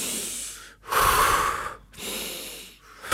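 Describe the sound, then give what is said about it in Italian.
Three slow, heavy breaths follow one another, each a long, loud, airy rush with brief pauses between, exaggerated, like deliberate deep inhales and exhales. “No, è finita. Respira con me.”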